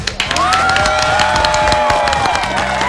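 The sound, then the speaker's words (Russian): A dense burst of applause and cheering from a crowd, steady and loud throughout, with scattered sharp claps and bright whistle-like shouts rising over the din. “Ну, аплодисменты еще от нас, конечно же.”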